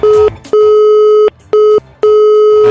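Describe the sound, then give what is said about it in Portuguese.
A telephone busy signal sounds in a loud, steady pattern of repeated beeping tones with short gaps between them, heard clearly and alone, as a radio station's call to a listener for the Cofre da Nativa contest fails to connect. “Ô Gilson, dá uma olhada no seu telefone, o que aconteceu aí, Gilson?”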